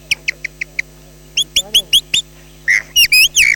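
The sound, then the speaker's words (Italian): A person imitates the song of a blackbird at dawn using only mouth and throat, at a bird fair: five quick, evenly spaced chirps, then a run of louder warbling, sliding whistled phrases, with no other voices or background noise. “E adesso vi faccio sentire il merlo all'alba.”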